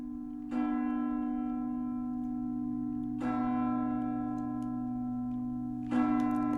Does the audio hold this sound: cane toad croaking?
no